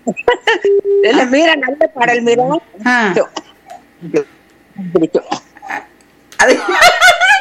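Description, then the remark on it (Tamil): A loud run of repeated hiccups: short abrupt voiced bursts at an uneven rhythm, mixed with giggly, squeaky vocal sounds and brief pauses between them. “என்ன இந்த பாட்டை கேட்டதுலயே உங்களுக்கு விக்கல் வந்துருச்சு இல்ல?”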